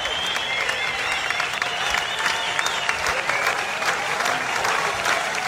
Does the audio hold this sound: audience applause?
yes